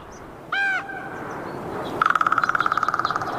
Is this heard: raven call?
yes